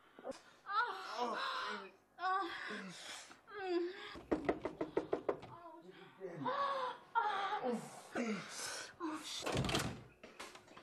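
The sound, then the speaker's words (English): A rapid burst of about ten loud, pounding knocks on a door, sharp, hammering in quick succession between stretches of strained, moaning voices talking. “Wanna break down my door?”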